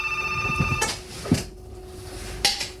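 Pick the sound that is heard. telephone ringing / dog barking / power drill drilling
telephone ringing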